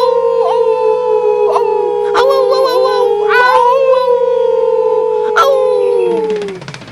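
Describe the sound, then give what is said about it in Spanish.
A voice imitates a wolf, letting out one long, loud howl that holds steady, slowly sinks in pitch, and trails off near the end. “Me encantan los lobos, pero soy un lemur. No, un lobo. Aunque me gusta aullar.”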